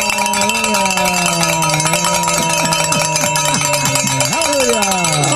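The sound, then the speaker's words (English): A bell rings loudly and continuously for several seconds, rung to celebrate reaching a donation goal, its bright, clanging overtones layering into a dense, steady wash of metallic sound. “And you might want to grab that bell over there, because we're going to start ringing it real loud, because we have made the goal, Father.”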